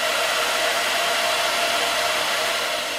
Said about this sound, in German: So, bisschen trocken föhnen noch und kalt werden lassen.